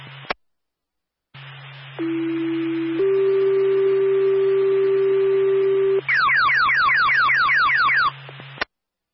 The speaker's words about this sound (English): Claremont Fire, Golden Cross Union, stand by for a tone Delta level call.